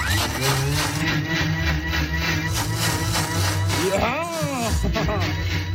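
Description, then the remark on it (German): A blender whirs steadily for 20 to 30 seconds, mixing oats and water, a dense motor roar with sloshing liquid, its pitch wavering briefly near the end as the load shifts. “Das schmeißen wir dann in den Mixer rein.”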